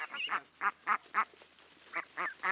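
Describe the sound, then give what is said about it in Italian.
Young, nearly adult ducks in a flooded rice paddy quack in a quick series of short, nasal calls, about seven of them in bursts with brief gaps, moderately loud, with no talking. “Le giovani anatre, ormai quasi adulte, si avviano a diventare mondine.”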